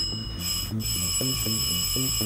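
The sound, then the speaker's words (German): A doorbell rings continuously and insistently at 5 o'clock, a steady shrill metallic ringing that doesn't let up, with a low rhythmic pulsing underneath throughout. “Um 5 Uhr klingelt es Sturm.”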